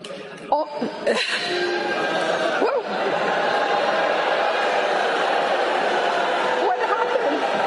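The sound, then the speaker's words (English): A large crowd of college students boos loudly and steadily after a speaker from a real estate and innovation firm tells them AI is the next industrial revolution: a thick, sustained roar of many voices that holds at nearly constant volume for several seconds, with a few sharper outbursts near the start. “Yes, well, they're all booing her because they just spent 4 years of their lives learning something in college that they're getting replaced with.”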